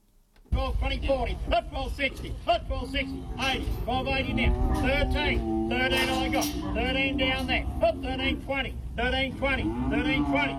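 cattle mooing

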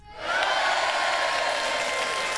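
crowd cheering sound effect

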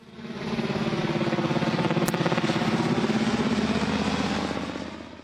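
helicopter sound effect

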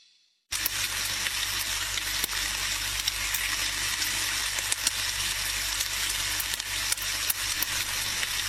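sausages sizzling

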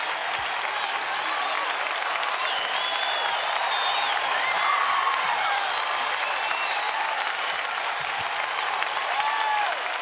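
concert audience clapping

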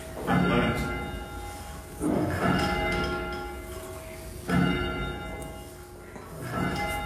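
church bells being rung

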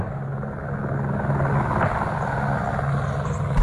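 helicopter flying over farmland

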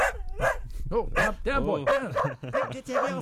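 dog barking

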